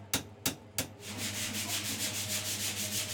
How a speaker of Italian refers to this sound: Qualche tocco di carta vetrata, una bella spennellata di vernice trasparente ed ecco esaltate le venature dell'olivo di questa creazione unica.